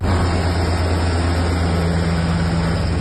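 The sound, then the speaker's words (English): A loud, steady engine roar with a deep low rumble fills the whole stretch, unbroken, as Italian military helicopters circle overhead around a tanker in the Mediterranean off the Italian coast. “Italian military helicopters circle a tanker believed to be part of Russia's so-called Shadow Fleet.”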